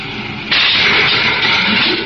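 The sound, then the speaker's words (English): A low rumble gives way at about half a second to a loud, steady roaring hiss of a spaceship's braking rockets firing at full as it comes alongside another craft, holding without a break to the end, with no voices. “Give me braking rockets full. Braking rockets full.”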